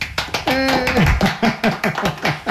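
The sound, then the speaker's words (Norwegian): A short burst of brisk hand clapping celebrating someone with only three stitches left to finish knitting a sweater, a dozen or so sharp claps in a quick, slightly uneven rhythm, with a brief cheerful vocal whoop early on. “For litt applaus.”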